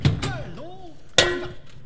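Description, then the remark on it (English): A metal shovel clangs against a head: a couple of quick knocks with bending, wobbly tones, then a louder bright clang that rings on briefly, cartoon-style. “Nutty, don't you hit me with a hammer again. It wasn't a hammer, it was a shovel.”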